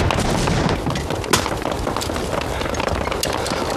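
Scattered gunshots crack over a dense, rumbling battle din, with one sharper report standing out partway through and fainter pops trailing off.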